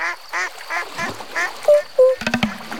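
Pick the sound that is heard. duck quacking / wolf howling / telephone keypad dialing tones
duck quacking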